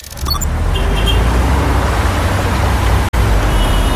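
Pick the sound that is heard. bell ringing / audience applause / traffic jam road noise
traffic jam road noise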